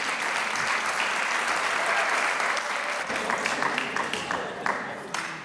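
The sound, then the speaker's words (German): Sustained applause from a large audience in the Konzerthaus, welcoming a bilingual primary school choir onto the stage, a dense, reverberant wash of clapping that thins slightly toward the end, with a few individual claps standing out. “Und wir begrüßen mit einem kräftigen Applaus hier auf der Bühne im Konzerthaus den Chor der öffentlichen zweisprachigen Volksschule 24 Zbor Jaune Dvojezične Ljudske Schule Stiri in Dvajset Celovec Klagenfurt.”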